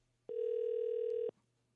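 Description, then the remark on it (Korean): A single steady telephone ringback tone, heard as a call to a listener connects, sounds for about a second, loud and clear, with a constant pitch and faint background hum before and after. “신호 가고 있는.”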